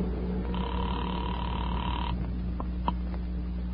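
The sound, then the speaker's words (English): A steady telephone tone hums over a low line buzz, then cuts off and a few short, quick dialing blips follow as a number is dialed from a phone booth, clear with no one speaking. “I walked across the street, stepped into a phone booth, and dialed my own number.”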